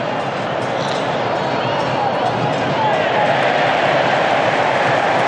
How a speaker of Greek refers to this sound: Τα χειροκροτήματα που ακούτε ήταν για την έγκαιρη παρέμβαση του Μακάλιστερ που βγήκε γρήγορα και απομάκρυνε την μπάλα.